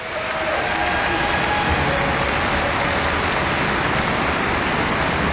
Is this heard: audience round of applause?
yes